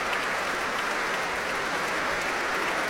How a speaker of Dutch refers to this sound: Groot applaus hier voor Guy Brownstein. Het Abbey Road Concerto noemde hij het.